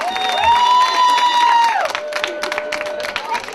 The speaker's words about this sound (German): Applaus!